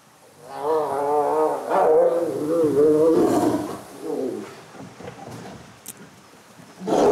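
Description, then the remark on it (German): Tigers roar and snarl in a loud burst of wavering growls for a few seconds during a brief playful scuffle that quickly turns serious for a moment, then scuffling thuds and softer grunts follow before a final sharp growl. “Da ist bei mir persönlich, habe ich eher so, oh, Tiger zusammenlassen, da ist der Pulsschlag nochmal 10 Schläge höher als beim Leoparden. Und jetzt geht's hier schon wieder weiter.”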